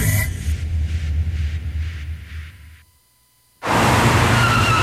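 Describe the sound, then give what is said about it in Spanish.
A car's tires screech and skid with a pulsing squeal over engine rumble in a car accident, then a brief silence before a sudden loud burst of crash-like noise. “Nadie planea un accidente. Por eso, asegúrate de estar protegido. Contrata tu seguro de auto hoy.”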